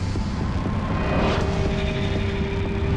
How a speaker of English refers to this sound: Slowly, she rises, contemplating the vehicles whizzing past in each direction.